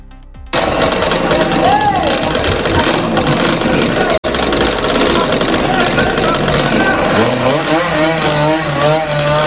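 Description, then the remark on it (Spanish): Loud motorcycle engines rev and roar in the street on a summer night, late into the early morning, pitch rising and falling in repeated bursts, with a crowd of voices mixed into the din and a brief cut midway. “Motos acelerando, reuniones de jóvenes en parques y ruido hasta bien entrada la madrugada.”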